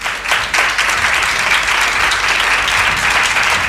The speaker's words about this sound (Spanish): Te van a dar un aplauso, Odilio Rodríguez de la Fuente. Venga, un aplauso.